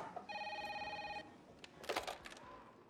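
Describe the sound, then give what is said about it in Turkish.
A telephone rings once in a steady electronic trill lasting about a second, followed by brief clattering handling noises, like a receiver being picked up, against quiet room tone. “Telefonu CIA'de açabilirsin Felix.”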